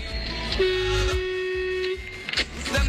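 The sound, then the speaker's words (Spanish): A truck driver's horn sounds one long, steady, brassy blast lasting over a second, held at a constant pitch above a low rumbling engine and road noise, as the truck passes through Chimpal on its way to Buenos Aires. “Qué grande la bocina del camionero, la bocina de mi amigo el Gaby Capo Total.”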